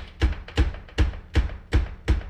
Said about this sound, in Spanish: Ah, están tocando. Déjeme abrir la puerta porque miren cómo toca esta persona. Sí se oye, ¿verdad? Cómo están tocando.